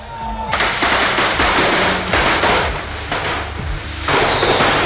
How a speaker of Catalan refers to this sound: 70.000 coets es cremaran esta nit en la corda de Paterna. El carrer Major viurà una descomunal explosió de pólvora. Dispararan 350 tiradors protegits de caps a peus.